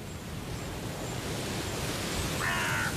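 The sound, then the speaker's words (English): Against a steady, rushing background hiss, a single harsh, brief caw from a hooded crow rings out across a city near the end. “Now, the cries of the hooded crows echo across the city.”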